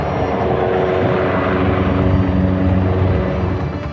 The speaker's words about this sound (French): Image insolite, les hélicoptères bombardiers d'eau viennent s'approvisionner dans les jardins du château de Fontainebleau.